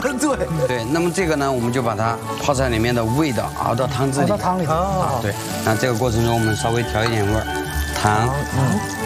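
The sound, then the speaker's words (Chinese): Boiling water is poured into a hot wok where bean paste, pickled chilies and dried green Sichuan peppercorns have been stir-fried, setting off a steady sizzle and bubbling that runs under continuous talking. “对，这个时候啊，已经完全的炒出了它的香味，那么我们加一点开水。”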